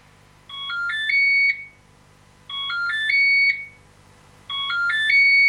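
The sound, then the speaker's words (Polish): A phone ringtone melody plays three times, each a short run of bright, stepped electronic tones rising and shifting in pitch, repeating about every two seconds with brief pauses between, and no one speaking. “Słychać melodyjkę?”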